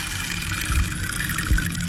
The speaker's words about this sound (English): I'll play the rain stick.